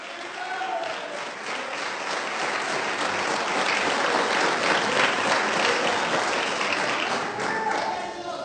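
A church audience breaks into sustained applause in praise of the Lord, many hands clapping in a dense, steady wash of sound that swells slightly in the middle and holds for several seconds.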